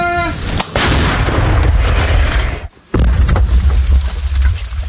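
artillery cannon firing

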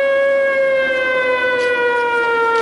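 air raid siren

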